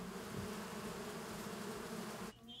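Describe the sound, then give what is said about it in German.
A dense, steady hum of many honeybee colonies buzzing around their hives on a farm, continuous with a low droning tone throughout; no voices, and the swarm sound thins out abruptly at the very end. “Seit 11 Jahren leben auch Bienenvölker auf dem Hof.”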